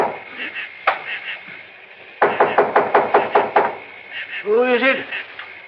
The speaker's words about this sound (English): And when I knocked on the door